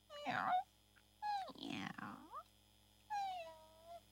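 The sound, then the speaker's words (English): A cat meows three times, each call drawn out and wavering, with short pauses between them and no one talking. “I just want to say good night to the cat, Mama, Lala says.”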